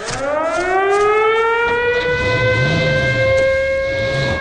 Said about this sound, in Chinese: 特警基地里面警报大作，开着吉普4700的巡逻小组立即风驰电掣般的冲过来。